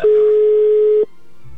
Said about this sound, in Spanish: Venga, vamos a marcarle. Sí, ya está sonando el teléfono de tu esposa, amigo. Esperemos que nos pueda tomar la llamada.